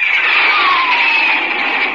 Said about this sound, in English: That's a Republic Thunderjet, up on a test flight. Jets like that are pioneers of the sky, leading the way to the air age of tomorrow.